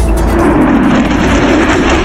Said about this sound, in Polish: Jutro najnowsze F-y przelecą nad całym krajem.